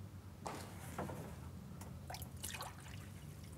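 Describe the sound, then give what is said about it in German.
Water from a cold shower trickles and splashes unevenly, with a few brighter spattering bursts over a low steady rumble, fairly quiet, no voices. “Wenn selbst die kalte Dusche einen nicht wach macht.”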